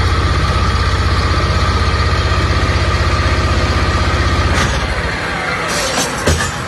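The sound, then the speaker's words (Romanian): Heavy diesel engines of excavators and other machinery on the bank of the Danube, loading a barge to be sunk, idle with a steady, deep pulsing rumble and a broad mechanical drone; near the end the throb fades and a few sharp metallic clanks cut through. “Ajutorul excavatoarelor și utilajelor care au fost aduse aici pe malul Dunării special pentru această operațiune, vedem cum este încărcată și cea de-a patra barjă.”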